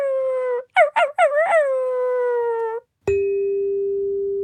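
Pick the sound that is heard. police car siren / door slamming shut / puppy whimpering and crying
puppy whimpering and crying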